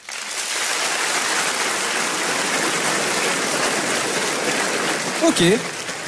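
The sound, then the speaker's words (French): Steady, dense audience applause, given in answer to a question asking who in the audience is a neat freak, fills the whole stretch, loud and even for about six seconds, with a brief voice cutting through near the end. “Par applaudissement, d'ailleurs, qui ici est plutôt maniaque ?”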